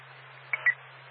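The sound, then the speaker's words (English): Two quick telephone keypad dialing tones beep in succession as someone places a call to a 24-hour animal hospital, short and moderately loud, over a steady low electrical hum and faint background hiss, with no one speaking. “Looks like there's another 24-hour one. We're going to give a call.”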